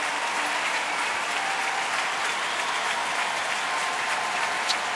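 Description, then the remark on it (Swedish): Sustained, dense applause from a large audience at a packed Wiener Stadthalle Arena in Vienna during an evening contest, a steady roar of clapping at even loudness throughout with no voices standing out. “populärt i publiken. Det ser ut att vara fullsatt här ikväll i Wiener Stadthalle Arena”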